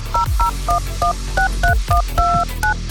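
A telephone touch-tone number being dialed: about ten quick dual-tone beeps in a steady rhythm, clear, with a low rumble underneath and no voices.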